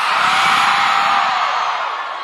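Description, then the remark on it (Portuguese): A large crowd in Natal roars with shouting and cheering after the music ends, a loud, dense wall of voices sustained throughout and fading slightly toward the end. “Quem gostou faz silêncio. Agora pode gritar!”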